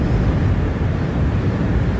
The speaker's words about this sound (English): As I'm talking with you, in the background, I'm hearing the roar of this river, because to some that roar is scary, but I would imagine to some people, that's the roar of freedom.